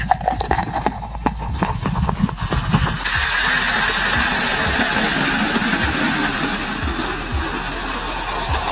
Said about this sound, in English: It's an enormous beer mug in the shape of a hockey skate. Oh, that's fun. Complete with the blade area of the hockey skate being transparent so you can see the beer being poured in. Here is actual audio of the beer skate being filled with suds.